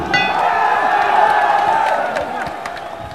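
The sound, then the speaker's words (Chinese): A large live audience cheers and applauds loudly and continuously for two competitors at the start of the second round of a match, a dense roar of voices with scattered sharp claps, easing slightly toward the end. “第二回合的比赛一开始之后呢，现场的观众朋友们马上就以热烈的掌声欢呼，给两位选手加油。”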